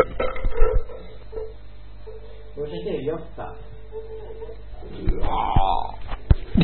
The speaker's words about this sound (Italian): Stiamo facendo ruttazzi! La sagra della digestione, questa sera.